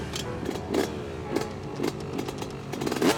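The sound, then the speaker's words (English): A small two-stroke motorcycle engine buzzes steadily, with sharp popping bursts and brief revs punctuating its raspy drone every half second or so. “The difference between a two-stroke and a four-stroke is definitely the engine.”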